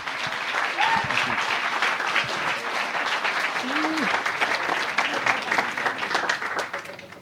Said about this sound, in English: what I'd like you to do is give him a very warm round of applause.